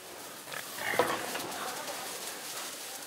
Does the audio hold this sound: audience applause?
no